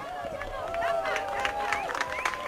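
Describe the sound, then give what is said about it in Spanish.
A crowd in Cuenca, locals and tourists, claps and cheers to welcome a total eclipse, with scattered sharp claps over a steady babble of excited voices and a sustained high whistle-like tone, moderately loud throughout. “Fascinación, asombro, emoción, aplausos.”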